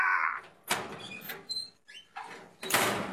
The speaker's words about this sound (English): I think the real clue is that second sound. The second sound's a very distinctive metal closing door.